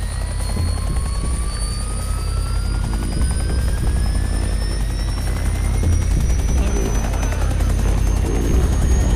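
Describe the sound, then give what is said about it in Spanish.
A helicopter's rotor blades beat loudly and steadily, with a rising turbine whine climbing in pitch as the engine spools up and the craft lifts off, spinning fast while a man clings on. “Las hélices del helicóptero van tan rápido que la nave comienza a elevarse y el tipo no se suelta, aunque la fuerza centrífuga casi le arranque los brazos.”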